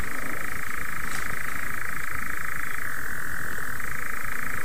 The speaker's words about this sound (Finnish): Kello on kuitenkin 2:34 ja en ole näin komeata viitasammakon kurnutusta kuullutkaan hetkeen.